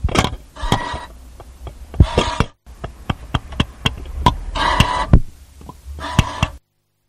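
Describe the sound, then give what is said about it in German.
A ticket vending machine: a run of sharp clicks and button taps interrupted by several short whirring mechanical bursts, with a brief pause midway and no voices. “Das war ein Fahrkartenautomat.”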